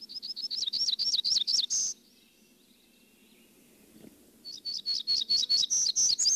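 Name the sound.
hermit warbler song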